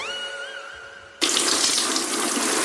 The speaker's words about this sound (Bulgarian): Защо полия шкафа в банята?